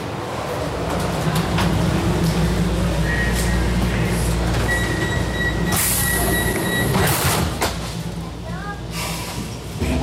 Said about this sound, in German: Wir fahren jetzt mit der U4 nach Obersankt Veit. Und die Station ist gleich ein Stückchen da vorne.